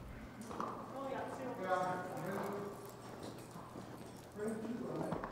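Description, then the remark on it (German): Hooves of a mule, a cross between a horse mare and a donkey stallion, clop steadily on hard ground at a walking pace while a person talks over the rhythmic footfalls throughout. “Mulis sind eine Kreuzung aus einer Pferdestute und einem Eselhengst.”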